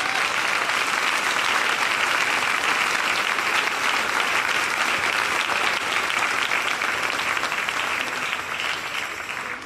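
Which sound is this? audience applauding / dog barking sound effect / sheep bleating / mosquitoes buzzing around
audience applauding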